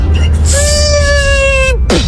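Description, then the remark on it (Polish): A voice imitates a malfunctioning drone: a steady, high, buzzing hum held for over a second, then cut off and followed by a brief downward-sliding sputter, over a low background rumble. “odgłos psującego się drona.”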